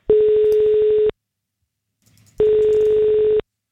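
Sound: telephone ringing tone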